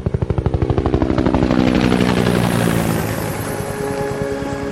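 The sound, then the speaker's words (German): A helicopter flies out over the Atlantic, leaving the coast behind, its rotor chopping in a fast, steady rhythmic thud that swells loud and then eases slightly as it moves on, with no voices. “Der Hubschrauber ließ die Küste hinter sich und flog über den Atlantik weiter.”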